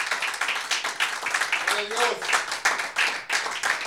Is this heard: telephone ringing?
no